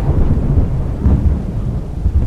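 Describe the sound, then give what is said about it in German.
A deep, heavy rumble of thunder close by, rolling continuously with swelling low-end surges, backed by a faint wash of rain; no voices. “Ein sattes Grollen in unmittelbarer Nähe war zu vernehmen.”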